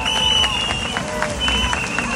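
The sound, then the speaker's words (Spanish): A crowd applauds steadily at a march, dense overlapping clapping mixed with cheering voices and a sustained whistle-like tone, loud and continuous throughout; applause for a 92-year-old woman who marched and her daughters. “Un fuerte aplauso para ella y para sus hijas.”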